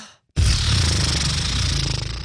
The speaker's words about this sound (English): Basically, it's just you breathe in really deep. And then as you exhale, you let your lips kind of like just move around. So it's like this.